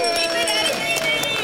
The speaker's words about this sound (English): if you heard that, there's a bell that rings, and it means that someone just had a baby.